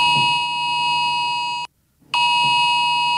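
A harsh, loud electronic alarm tone from a UK mobile phone emergency alert in England and Wales, warning of a very high risk of wildfires, blares steadily, cuts out for about half a second, then resumes just as piercingly. No one speaks.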